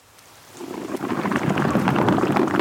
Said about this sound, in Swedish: Här har man bubblorna bubbla ut från valen.